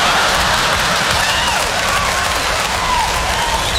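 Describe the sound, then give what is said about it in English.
A room full of people applauds loudly and steadily for a few seconds, the dense clapping blending into a continuous roar with a few faint cheers mixed in. “Why are you applauding?”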